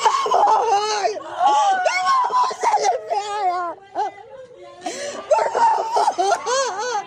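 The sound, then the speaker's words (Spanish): A 19-year-old woman lying in a hospital bed in Polk County, Florida, cries hysterically while trying to cling to her mother, with loud wailing sobs and broken, gasping breaths that rise and fall in waves, pausing briefly before another sustained outburst. “Agentes del condado de Polk, en Florida, esposan a una mujer mientras su hija yace en una cama de hospital, llorando histéricamente mientras intenta aferrarse a su madre.”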